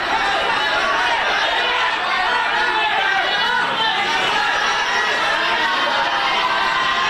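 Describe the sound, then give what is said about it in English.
A large crowd chants and shouts outdoors in Indonesia as Dadan Handayana, former head of the National Nutrition Agency, is escorted in handcuffs from the Attorney General's office. It is a dense, continuous wall of many overlapping voices that stays loud and steady, with no single speaker standing out. “Crowds chanted as Dadan Handayana was escorted from the Attorney General's office in handcuffs.”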